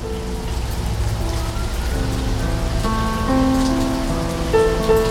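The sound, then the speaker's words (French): Steady, dense monsoon rain pours down in a continuous hiss, while sustained musical tones hum and shift beneath it; no voices are heard. “Ce soir, la mousson s'invite aux ateliers Magellan.”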